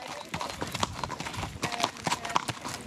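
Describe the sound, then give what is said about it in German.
Horse hooves clip-clop in a steady, uneven rhythm of sharp knocks as a horse is ridden along a free bridle path through forest on Møn, with other background sound filling in between the hoofbeats. “Hier auf Mön sind die Reitwege kostenlos.”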